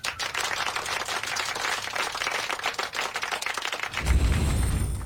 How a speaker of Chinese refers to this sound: 嗯，这位同学回答得非常好，大家给他鼓鼓掌。